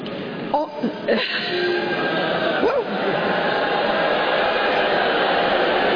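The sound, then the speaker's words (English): A large crowd of college students boos loudly and continuously at a speaker from a real estate and innovation firm after she says artificial intelligence is the next industrial revolution; their voices blend into a steady, dense roar, with a few individual voices rising above it early on. “Yes, well, they're all booing her because they just spent 4 years of their lives learning something in college that they're getting replaced with.”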